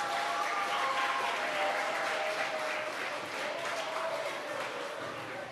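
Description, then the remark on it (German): Steady applause from an audience, a dense crackle of many hands clapping at an even level throughout, tapering only slightly toward the end. “So, auch für die 3 einen Applaus, bitte.”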